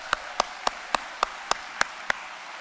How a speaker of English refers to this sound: And if I could have a round of applause for all of our veterans here.